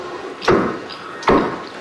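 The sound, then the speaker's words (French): Heavy moose hooves thud on the floor inside a house, two solid stomps about a second apart, fairly loud over a low background hum. “Il pétine, là, il voudra pas sortir, il est trop peur.”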